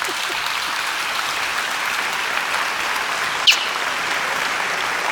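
Steady, sustained applause from a group, a dense even wash of clapping that holds at the same level throughout, with one brief sharper click partway through.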